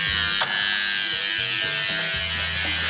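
A harsh, continuous electric door buzzer in Lucca drones for about three seconds as the door is buzzed open after ringing, its rasping hum wavering slightly in pitch, with no voices over it.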